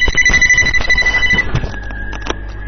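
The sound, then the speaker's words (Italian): A telephone rings with a shrill, rapidly pulsing electronic tone that then holds steady, while clattering and knocking noises sound underneath. “ancora lì il telefono, lo sapevo io.”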